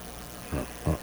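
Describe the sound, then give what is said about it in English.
Two soft, airy breaths from a caller on a radio call-in show come through a faint hiss of phone-line noise, a short gap between them and the second slightly louder. No one speaks. “I hear breathing.”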